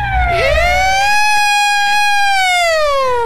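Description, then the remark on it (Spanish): An emergency vehicle siren wails continuously, a strong harmonic tone holding steady and then slowly sliding downward. It sounds loud, with faint low road rumble beneath and no talking. “Esa sirena de fondo y tenemos a Pami.”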